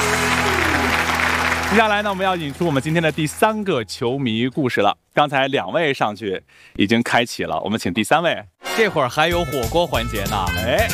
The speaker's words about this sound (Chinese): 好，那咱们掌声祝贺一下我们的妈妈队，厉害厉害厉害。